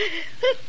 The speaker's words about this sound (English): Gesundheit.